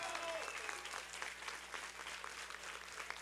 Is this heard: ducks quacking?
no